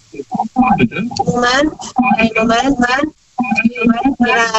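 A caller's radio plays steadily in the background, heard over the phone line during a call to a radio show, its thin, band-limited voices and music-like tones running almost without pause, with short beeping tones mixed in.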